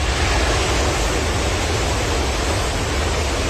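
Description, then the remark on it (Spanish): A loud, steady roar of rushing water fills the whole stretch, dense and unbroken with a deep rumble underneath, from a swollen river in flood. No voices are heard. “Podemos escuchar un poco de ese momento, porque hay varios registros, decíamos, que apuntan a mostrar la fuerza del agua y la fuerza del impacto, ¿no es cierto?, de esta crecida.”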